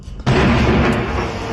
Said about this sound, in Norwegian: ble vekket av voldsomme drønn midt på natten.